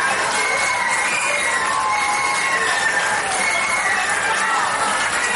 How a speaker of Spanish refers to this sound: Entonces no pudieron, esta vez lo han hecho entre aplausos y vítores.